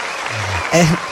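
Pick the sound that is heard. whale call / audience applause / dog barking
audience applause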